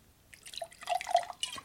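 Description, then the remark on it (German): A short splash of liquid trickling and glugging as a glass is refilled, with bright bubbly drips rising over under two seconds, no voices present. “Halt den Mund, Gieß voll, du Idiot.”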